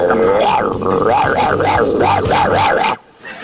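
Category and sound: animal, dog barking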